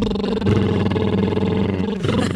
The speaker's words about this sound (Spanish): Entonces, para quizás los que nos están escuchando dirán, ¿qué es eso? Junto mis labios y es como si hicieran unas burbujas o cuando estábamos pequeños jugábamos al carro.